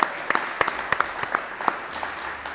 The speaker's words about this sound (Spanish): Bueno, lo primero, muchas gracias a toda la gente de Peralta de la Sal, de Benavarri, de Binéfar, de Campo Reis, de Calasanz, toda la gente que estás aquí, así que un fuerte aplauso para vosotros y vosotras, lo primero de todo.